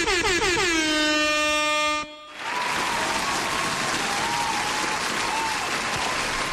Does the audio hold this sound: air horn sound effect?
yes